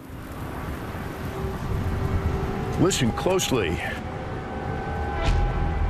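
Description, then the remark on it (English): Wind roars steadily through steel structures on the northeastern fringe of the Taklamakan Desert, across the Gobi Desert in China, carrying several sustained, thin whistling tones over a broad rushing noise. A voice speaks briefly in the middle. “This isn't just the sound of machinery, it's the wind singing through steels as it whistles its way across the Gobi Desert.”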